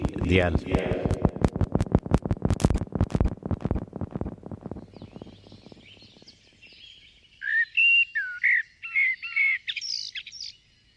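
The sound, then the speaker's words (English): A blackbird sings: a rapid, loud chattering rattle that slows and fades, then clear, fluting warbled phrases in short bursts with brief pauses between them. “Blackbirds are skittish birds, taking a few hops or steps, then pausing.”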